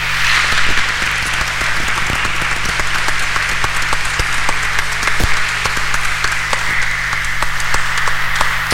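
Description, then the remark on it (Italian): Sustained audience applause, a dense steady wash of many hands clapping for about nine seconds at an even, loud level, with scattered sharper individual claps standing out and no voices. “Ora anche a loro facciamo un grande applauso.”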